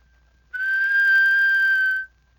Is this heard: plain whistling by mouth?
yes